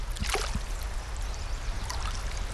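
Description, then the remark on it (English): Clearwater River water in Idaho flowing steadily on a sunny day, a continuous rushing wash with a few splashy surges, moderately loud, with no voices. “spent an afternoon next to the river talking about the connections among language, culture, and land”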